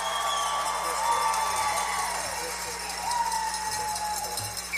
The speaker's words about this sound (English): Let's let our radio audience know that we have a few folks here this evening. Can you applaud and let them know that you're here?